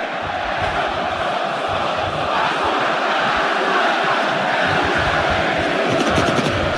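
A huge football stadium crowd of Vasco da Gama supporters roars continuously during a match against Coritiba, thousands of voices cheering and chanting together in a dense, steady wall of sound that stays loud throughout.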